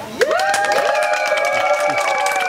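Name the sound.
audience shouting and cheering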